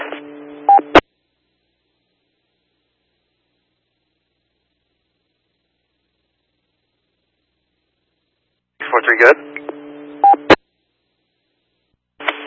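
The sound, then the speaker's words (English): Touch-tone telephone dialing: a brief cluster of electronic keypad beeps, a long silence, then another quick run of tones ending in a click, with one more starting at the end. “Have you tried making contact with that phone number?”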